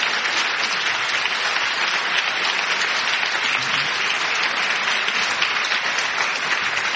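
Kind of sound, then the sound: crowd, studio audience applauding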